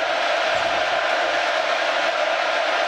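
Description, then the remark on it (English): A steady, loud roar of a college football stadium crowd during an Arizona State Sun Devils game, on third down from the ASU 46 as quarterback Boley uses hand signals to change the play at the line of scrimmage, a dense wash of many voices holding at an even level throughout with no clear words or breaks. “And this is where we crowd noise gets involved.”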